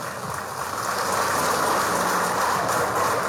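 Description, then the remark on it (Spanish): An audience at a 67th anniversary event of the Central Villa 14 de Septiembre applauds steadily, a dense, crackling wash of many hands clapping at once that swells slightly after the start and holds at a strong, even level throughout, with no voices. “¡fuerte los aplausos!”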